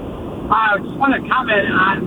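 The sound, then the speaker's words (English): Steady roaring wind noise buffets a phone line throughout as the caller drives an open-top Jeep, with a man's voice talking in short bursts over the rumble. “No, I'm in a Jeep. Yeah, sorry. I can't hear you.”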